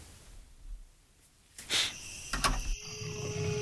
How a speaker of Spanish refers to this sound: en la penumbra de la noche, su rugido resuena en el tiempo. La huella del jaguar.